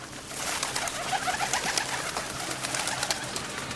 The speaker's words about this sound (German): In jedem Parkhaus, in jedem Bahnhofsgebäude, überall sind Vögel.